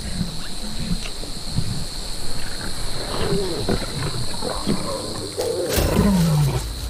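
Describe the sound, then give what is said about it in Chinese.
Lions growl and snarl while feeding on a buffalo kill, a run of low, rumbling grunts with a louder, drawn-out growl near the end, set against a steady high insect drone. “至少现在，牛群中的野水牛妈妈和幼崽是安全的，因为狮子正在大快朵颐。”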